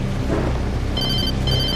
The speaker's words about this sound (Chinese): 阿嫂，阿嫂，电话找你呢。